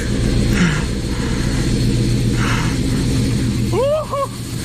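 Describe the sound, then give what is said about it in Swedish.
A rare class 56 diesel locomotive passes through Shawford station with a loud, steady, heavy engine roar and deep rumbling throb throughout, and a brief voice-like rising cry breaks through near the end. “I got out of bed at 4:30 this morning as I heard that there was a really rare train coming through Shawford station. It's a class 56 and it's due through here in a moment.”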